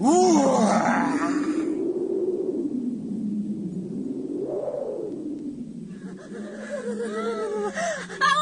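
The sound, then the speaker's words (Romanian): A voice imitates a wolf huffing and blowing hard to blow down a straw house: one long, strained, groaning breath, loud, rising and falling in pitch for several seconds without pause. “Nu mai să suflu eu odată. Uite așa.”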